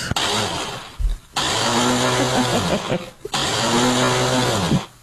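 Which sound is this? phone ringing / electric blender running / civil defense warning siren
electric blender running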